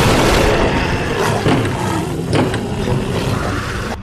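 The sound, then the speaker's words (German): Something breaking through a door: a loud, continuous rumbling crash with a few sharp splintering impacts standing out partway through, no voices. “Irgendwas bricht durch die Tür!”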